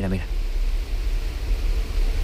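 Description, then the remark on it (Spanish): Steady rain falls as an even, unbroken hiss with a low rumble underneath; a brief voice sounds at the very start before the rain continues alone. “Ahí se oye. Ah. La lluvia.”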